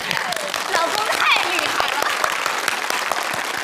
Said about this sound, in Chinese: 成功了， 鼓掌。